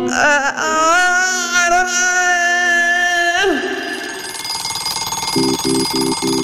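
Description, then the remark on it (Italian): An alarm clock goes off near the end with four quick, evenly spaced beeps, following a long sustained electronic whine that slides downward in pitch; a woman wakes in her bed at home. “La sveglia suona.”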